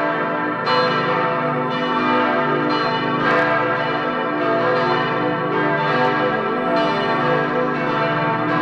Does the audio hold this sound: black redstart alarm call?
no